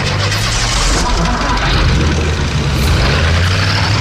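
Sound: trucks driving away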